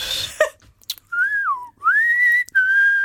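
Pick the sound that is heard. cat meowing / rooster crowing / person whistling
person whistling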